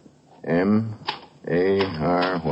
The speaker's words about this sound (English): M-A-R-Y-H-A-D... You are typing the same phrase.